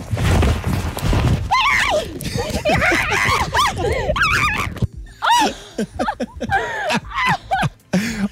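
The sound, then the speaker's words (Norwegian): A sheep bleats loudly and repeatedly in wavering cries, with rough scuffling and thumping as it struggles against a young girl who holds it in a zoo while trying to give it medicine. “men vi har lyden av det da, det stakkars, det jente da, ung jente, som da tar tak I en sau I dyrehagen, og skal da prøve å gi medisin til sauen, og hun jobber hardt for å få til det her, og det høres ut.”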